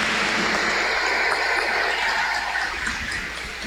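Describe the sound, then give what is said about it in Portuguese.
A parish crowd claps together in a dense, steady round of applause for a couple celebrating 51 years of marriage, holding at an even loudness for a few seconds, then easing slightly toward the end. No one speaks. “Uma salva de palmas ao casal jubilar, 51 anos de matrimônio.”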